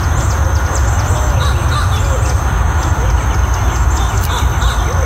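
One or two owls call intermittently outdoors at sunset, faint cries rising over a steady, loud outdoor rumble like wind or handling noise, with a possible hawk-like screech mixed in.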